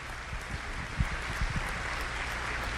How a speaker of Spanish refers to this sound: ¿Cuántos han invitado a alguna persona hoy aquí? Levante la mano. Gloria a Dios. Un aplauso a aquellos que hoy utilizaron su fe, su tiempo, su sacrificio.